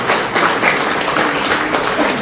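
A crowd at a parish anniversary gives a family a big round of applause, a dense, even wash of many hands clapping at once. It stays loud and sustained throughout with no voices standing out.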